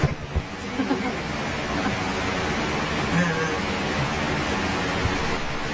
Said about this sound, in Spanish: Y quien precisara lluvia, ahí tiene una buena cantidad de lluvia.